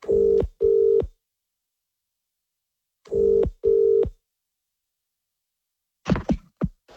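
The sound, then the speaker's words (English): Two double-burst phone ringing tones, loud, with a pause between them, as a call is placed to one person for a standby list, then a few sharp clunks like a handset being picked up. No one speaks. “stare your beady eyes at your phone now and hope it rings, because we are ringing one person to put on the standby list.”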